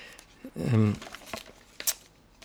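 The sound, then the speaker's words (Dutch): Paper rustles and crinkles as the pages of a German magazine are flipped in search of page 16, with a couple of sharp swishes after a brief voiced sound. “Ik heb een Duits tijdschrift meegebracht waar iets in staat, ook over het Raspberry Pi.”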